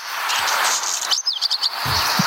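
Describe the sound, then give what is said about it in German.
A black redstart sings a short phrase: a hissing, scratchy rasp followed by quick, high whistled notes, clear, with no voices. “Und im letzten Jahr der Hausrotschwanz.”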